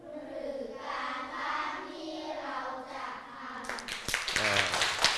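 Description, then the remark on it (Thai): A voice talks for a few seconds, then a group of students in a class bursts into quick, scattered hand clapping, the claps running to the end. “เยี่ยมมากมารยาทของผู้ฟังไม่ต้องบอกให้ครูปรบมือเลยใช่ไหม”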